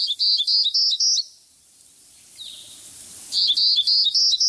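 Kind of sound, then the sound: bird, townsend's warbler song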